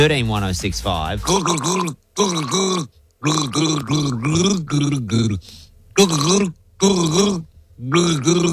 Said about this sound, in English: Have a listen. This is me gargling a song.